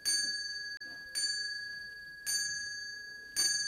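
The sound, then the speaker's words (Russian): A pencil taps a glass toy ornament four times at a slow, even pace, striking the hours like a clock at New Year's midnight, each strike giving a bright, high, bell-like ring that hangs on like clock chimes, with no voices. “Шура с сосредоточенным видом отбивает часы, ударяя карандашом по стеклянной игрушке.”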